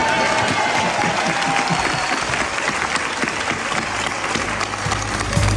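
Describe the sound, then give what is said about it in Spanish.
Sustained applause from a large theatre audience at the end of a play, a dense, steady wash of many hands clapping, with faint crowd murmur underneath and a slight swell near the end. “Este aplauso lo hacemos extensivo, por supuesto, a la selección, que parece que ha ganado.”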